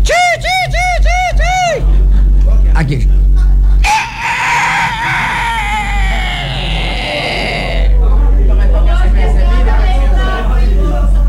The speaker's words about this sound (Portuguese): Acho que esse galo tinha morrido, meu Deus. Ele tá namorando uma galinha ali no quintal de lá.